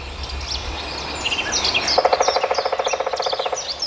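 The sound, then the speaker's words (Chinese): A woodpecker drums on a tree trunk in the distance in a forest, a rapid, even burst of sharp knocks lasting about a second and a half, with high bird chirps and tweets throughout. “远处又传来了啄木鸟敲击树木的声音，啄木鸟一秒钟能敲击树干10几次。”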